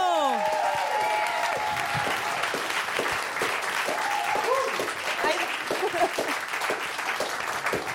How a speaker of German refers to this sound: Studio 14, ein Applaus für